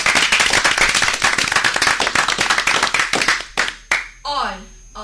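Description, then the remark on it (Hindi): A group claps in dense, steady applause for a few seconds for Team B, which scored 22 points in a quiz, then it quickly dies away and a voice begins speaking. “हमारी team B ने जो नंबर पाए हैं इस क्विज में वो है 22। तो तालियां।”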